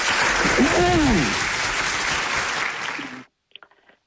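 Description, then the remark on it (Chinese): Dense, steady audience applause welcoming a performer about to sing opera fills about three seconds, with a brief rising-and-falling vocal cheer early on, then cuts off abruptly, leaving a few faint taps. “好嘞，掌声有请。”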